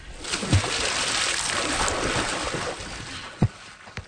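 Water sloshes and splashes as someone is guided wading into a lake, with a steady churning wash and a few sharper splashes standing out, no talking.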